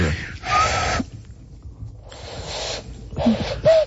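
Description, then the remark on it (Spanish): Someone blows through cupped hands to imitate a dove: several breathy, airy bursts separated by a pause, with a few short hooting tones near the end. No talking. “Y había mucha gente que hacía el sonido, juntaban las manos, sí, y hacían el sonido como de un pájaro, ¿no?”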